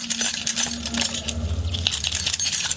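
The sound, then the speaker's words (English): Keys jingle and clink steadily for a few seconds, a bright metallic rattle over a low background hum, with no one speaking: the keys of officers walking through the corridors of a detention facility. “we have selected some, such as the sound of pigeons on the roof and the jingling keys of officers walking throughout the corridors.”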